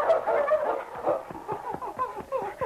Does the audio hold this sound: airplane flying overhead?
no